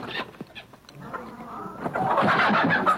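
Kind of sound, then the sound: bird, hen clucking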